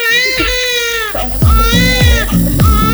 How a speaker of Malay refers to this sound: Namun, sadarkah Anda bahwa bayi baru lahir tidak mengeluarkan satu tetes pun air mata saat menangis?